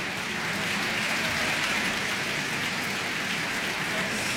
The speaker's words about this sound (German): Jetzt ist gerade noch mal das gesamte Ensemble hier auf die Bühne gekommen in der Kölner Philharmonie, nimmt den Beifall entgegen. Ein großartiger Abend geht zu Ende.